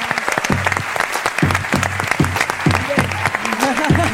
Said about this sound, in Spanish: Un aplauso para Valleñas, por favor.